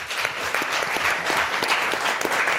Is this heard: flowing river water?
no